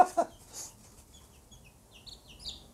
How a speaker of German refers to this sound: Na, alles Mädchennamen geben, dann, dann werden sie vielleicht alles Hennen. Naja, ein Hahn brauchen wir auch.